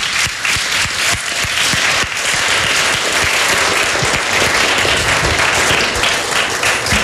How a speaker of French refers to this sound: parce que c'est elle qui a chorégraphié tout le monde et on peut l'applaudir.